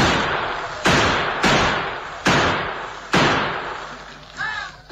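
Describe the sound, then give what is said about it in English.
Gunfire rings out in about six loud, sharp shots at uneven intervals, each trailing off in a long echoing decay, with a brief whistling whine near the end; Tonto keeps up steady fire through a window near the bed in a bedroom. “In the bedroom, the Lone Ranger lay awake and watching Tonto, who maintained a steady gunfire through a window near the bed.”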